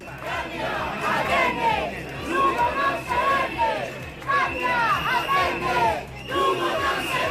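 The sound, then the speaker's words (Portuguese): A crowd of protesters shouts slogans together at the doors of the town hall during a council motion, their raised voices rising and falling in loud repeated bursts over a constant background roar of many people. “que proferían berros como siguientes.”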